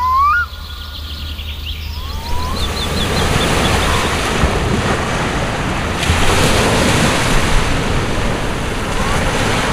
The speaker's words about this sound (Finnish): Aallot lyövät tasaisesti hiekkarantaan. Siihen vähän ylemmäs on kasaantunut rakkohaurua, siis rakkolevää ohueksi patjaksi. On sateista, tuulista ja märkää. Me olemme Hangossa Tektomissa hienossa kallioiden reunostamassa poukamassa